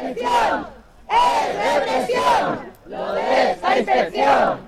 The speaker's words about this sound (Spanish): Se ha convertido en el lema de las concentraciones este grito en apoyo a los docentes expedientados.